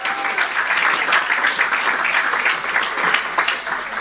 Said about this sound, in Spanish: Demos un aplauso al Señor en esta hermosa noche.